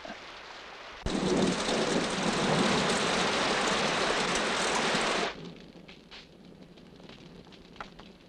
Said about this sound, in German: Es plattert nur so, es regnet. Es plattert? Ja, guck doch auf. Das sieht aus wie Regen. Das ist Regen.